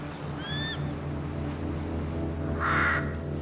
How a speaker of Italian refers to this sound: Solo corvi. Coda Bianca ha trovato il loro nido. Ha catturato uno dei loro pulcini. Ai corvi non piacciono le aquile.